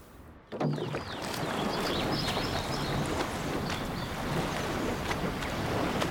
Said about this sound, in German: Die Jungs legen sich aber wieder mächtig ins Zeug. Kein Wunder bei dem neuen Boot. Ja, gute Schlagzahl, gute Schlagzahl.